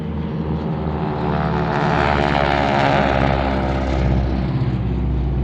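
vehicle, airplane

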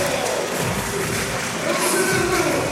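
crowd, arena crowd cheering

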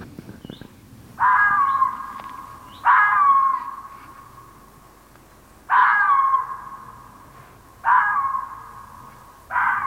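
animal, female red fox barking

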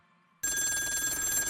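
signal or alarm, telephone ringing

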